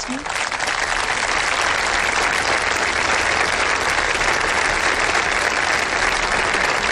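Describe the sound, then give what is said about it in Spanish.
Sustained, dense applause from a large audience moved by a migrant trafficking victim's testimony at an event with the Pope, steady and loud with no pauses, a broad wash of many hands clapping at once. “Aquí escuchamos los aplausos del público emocionado por ese testimonio.”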